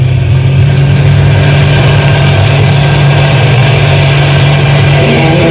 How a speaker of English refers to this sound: Step on the gas. We've got to get out of the park.